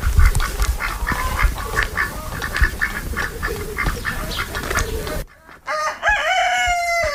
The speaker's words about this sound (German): Er meldet sich auf jeden Fall jetzt schon mal. Also Hühner, Enten. Da hinten schnattert's und kreuz und fleuz, ne? Genau, also hier auf einem Hektar haben wir roundabout 26 Tauben, 4 Hunde, 3 Katzen, 2 Pferde, 35 Hühner, 10 Enten und 3 Gänse.